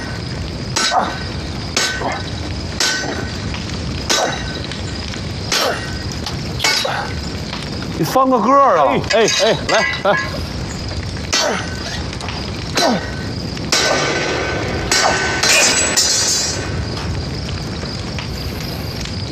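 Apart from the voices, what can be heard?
hammer striking iron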